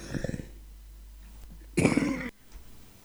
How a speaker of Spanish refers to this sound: Estoy con tos. Sepan disculpar ustedes.